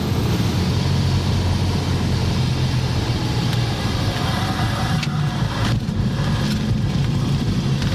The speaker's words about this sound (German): Die Füße sind auf dem Boden, also die vom Flugzeug.